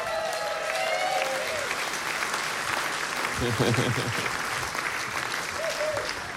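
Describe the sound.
A crowd applauds steadily throughout, a dense hiss of clapping mixed with a few high whistles and voices shouting and cheering over it.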